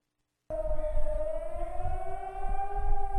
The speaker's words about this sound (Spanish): A las 5:30 de la madrugada del lunes sonaron las sirenas antiaéreas en todas las ciudades de la parte libre de Chipre con motivo del aniversario del 20 de julio de 1974, fecha en la que Turquía lanzó su invasión de la isla.